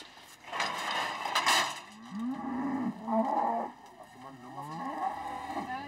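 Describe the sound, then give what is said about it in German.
Several cattle moo during hoof trimming, in overlapping, drawn-out calls, low and bellowing with rising and falling pitch, over a steady background hum; a loud burst of noise comes early on. “Der Krach würde die Rinder nur noch mehr beunruhigen.”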